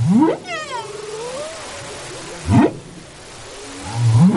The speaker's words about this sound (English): And the amount of song overlap between the whales that breed off of Gabon in the Atlantic and those that breed near Madagascar in the Indian Ocean varies year to year.